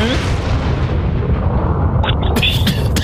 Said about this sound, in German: Na, die Airbag-Weste hat jetzt ausgelöst. Wie bitte? Ja, wallah. Das hört sich an, die hat wie eine Explosion. Na, der Airbag hat ja hinten so Sprengstoff drin, der ist jetzt hochgegangen, die Airbag-Weste.